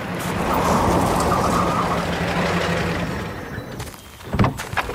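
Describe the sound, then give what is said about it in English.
A car rolls up with a steady engine rumble and tire hiss that swells and then eases off, followed by a few sharp knocks near the end. No one speaks. “I want you to get in the car, please.”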